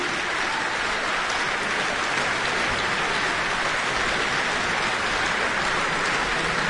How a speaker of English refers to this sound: And here they come. Another bout. All those fans whistling and shouting.